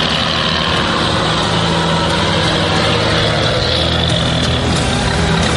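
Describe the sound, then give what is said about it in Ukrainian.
The engine of a British Stormer anti-aircraft vehicle rumbles loudly and steadily, a constant low drone with a broad noisy roar on top and no voices. “Це британський зенітний комплекс «Штормер».”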